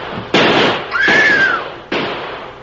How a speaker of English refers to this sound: They're getting away. Drill him, shoot him.